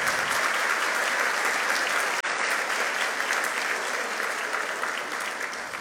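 Sustained, dense applause from a crowd, steady and loud throughout with a brief break near the middle, many hands clapping in an indistinct wash without any voices standing out.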